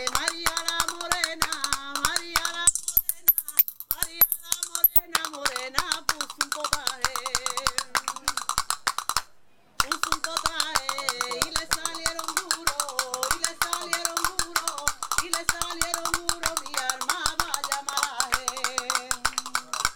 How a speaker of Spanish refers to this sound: Vamos a escuchar esos palillos con el mar de fondo, aquí en este apartamento maravilloso de la Cruz del Mar. Una que vamos a tocar palillos. Venga, ustedes tocan las palmas, vámonos.